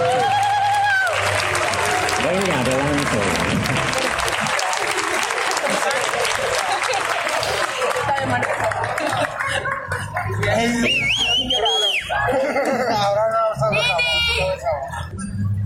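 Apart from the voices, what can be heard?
audience applause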